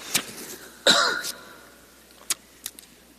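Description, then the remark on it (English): A single fairly loud cough with a short tail, followed by a couple of faint clicks. No one speaks. “In this passage, pardon me, I'm going to cough.”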